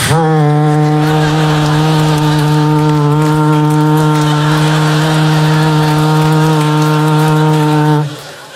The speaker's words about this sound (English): Why, I've hammer-tuned my Alpenhorn.